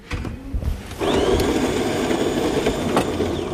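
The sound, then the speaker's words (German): A brand-new coffee machine in the newsroom of a public broadcaster in Daugavpils whirs loudly and steadily after a brief clatter, its motor grinding with a rising whine for several seconds. No voices. “dem öffentlich-rechtlichen Rundfunk in Daugavpils, ist nicht nur die Kaffeemaschine brandneu.”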